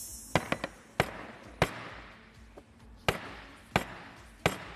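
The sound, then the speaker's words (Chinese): A series of sharp, heavy thuds as a hard piece of plant root is struck hard against a tabletop on a TV shopping program, denting the table, about eight irregular blows, some in quick pairs, others spaced apart, with no talking. “但是这已经桌子已经被我砸出坑来了，有点损坏我们东方购物公物了。”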